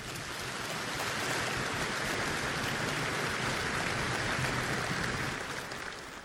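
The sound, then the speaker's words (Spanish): An audience of men claps loudly and steadily for the Lord after a prayer, a dense crackling wash of many hands that holds for several seconds before easing off slightly at the end. No one speaks. “Y los hombres de Dios le dan un aplauso bien fuerte al Señor.”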